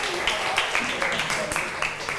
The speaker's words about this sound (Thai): ขอบคุณกลุ่ม5ค่ะขอเสียงปรบมือให้ทั้ง2กลุ่มค่ะ